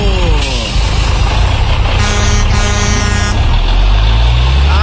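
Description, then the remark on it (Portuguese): The last bus of the night rumbles past at 11 o'clock, its heavy engine loud and steady with a low growl and a brief hiss of air brakes, with no voices. “Acaba de passar o último ônibus, senhoras e senhores, e a partir de agora tá liberado o gole.”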